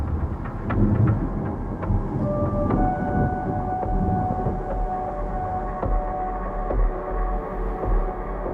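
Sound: thunder claps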